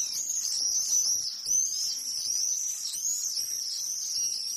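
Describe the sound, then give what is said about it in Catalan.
Shrill, buzzy screams of common swifts (Apus apus) ring out continuously in overlapping, repeated bursts, fairly loud, with no voices and only a faint background hiss. “Falciot negre, Apus apus.”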